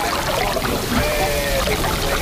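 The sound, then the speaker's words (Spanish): Sea water washes and sloshes against the breakwater of the harbour of Bayona, a tourist town in the Rías Baixas, Galicia, near the city of Vigo. It is a steady wash of churning water with no clear breaks between waves, moderately loud and heard alone. “Estáis escuchando cómo suena el mar contra el Espigón del puerto de Bayona, esa localidad turística de las Rías Baixas cercana a la ciudad de Vigo.”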